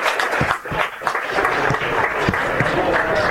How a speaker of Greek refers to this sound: Σηκώνεται ο Παρασκευάς και δέχεται σε ένα ζεστό χειροκρότημα από όλους τους φιλάθλους.